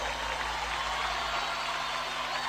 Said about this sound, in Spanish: Más fuerte el aplauso